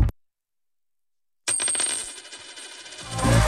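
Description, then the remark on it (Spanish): After a moment of silence, a euro coin drops and rings out with a bright metallic clatter, then keeps rattling and wobbling as it spins down, growing louder toward the end. “¿Lo oyes? Es un euro que cunde”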